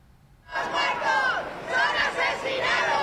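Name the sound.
protesting crowd shouting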